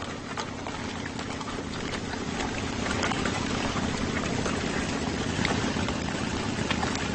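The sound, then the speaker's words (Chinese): A motorcycle engine rumbles steadily and continuously, with a low droning hum and rushing wind-like noise over it, as herders ride motorcycles across the grassland to drive their livestock. No one speaks. “他们用摩托车隆隆的马达声驱赶牲畜。”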